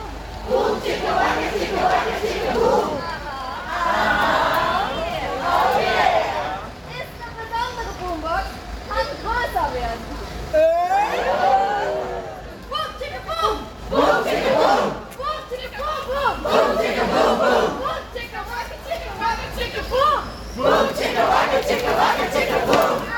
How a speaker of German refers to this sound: Das ist der Sound der ersten Sitzblockade Richtung Hochheim, Zubringer der Auto, der Bundesbahn.